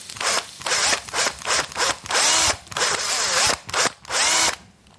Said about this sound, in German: Und so einer müsste auch erstmal in meine Möhre rein. Am besten bohre ich das mit dem Akkuschrauber. Ich hole den mal eben.